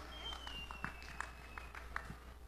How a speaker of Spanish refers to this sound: Fuerte el aplauso también para ella.